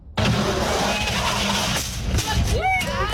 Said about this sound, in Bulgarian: Това, което чухме, е звук от симулатор за челен удар, който е част от събитието «Шофирай със сърце и разум. Преживей, научи и спаси живот».